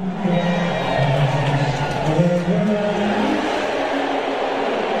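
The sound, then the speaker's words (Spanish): A large stadium crowd in the stands lets out a sustained, loud roar of booing and whistling as Donald Trump is shown on the stadium screens, a dense wall of voices rising and falling steadily for several seconds without a break. “A mí me parecen abucheos, pitos, no sé, pero no, a lo mejor no, no, pero mira, así sonaba directamente en la grada.”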